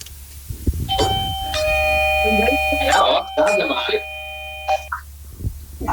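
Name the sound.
doorbell ringing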